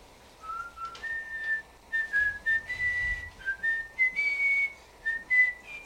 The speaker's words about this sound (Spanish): No, hombre, no le chifles melodías dulces.